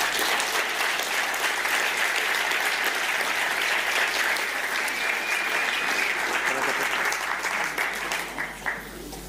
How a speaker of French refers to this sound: Alors, on t'a applaudi au début du culte si tu n'étais pas là, mais là maintenant, on peut t'applaudir pour de vrai.